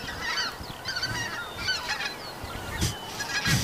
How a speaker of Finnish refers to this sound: Nyt tulee hanhet yli just joo. Tällä hetkellä.